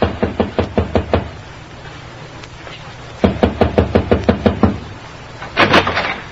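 Two quick bursts of firm knocking on the door of room 1728, about seven or eight raps each, separated by a short pause, then a brief scraping rattle as if the door is handled. No voices.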